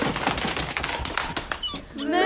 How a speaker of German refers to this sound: Welchen Vogel sucht unsere Mausklasse? Ich denke, es ist die Möwe.